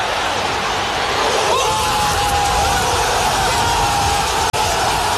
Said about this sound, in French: Et vous allez entendre la réaction des supporters marseillais. T'étais dans, au cœur du COP.